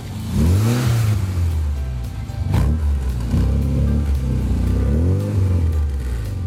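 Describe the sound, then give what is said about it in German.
The engine of a red 1964 Volvo P1800 coupé with 100 hp and a sports exhaust is revved repeatedly, its pitch climbing and falling in several loud, throaty bursts over a steady idle rumble, with no voices. “Das ist ein Volvo Coupé P1800, Baujahr 64. 100 PS, 170 auf der Autobahn.”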